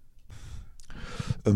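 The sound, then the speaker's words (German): Sipping coffee: a breathy slurp, then a soft airy draw with two small gulping clicks, ending in a short voiced sigh of satisfaction. “Dafür trinke ich erstmal einen Schluck Kaffee.”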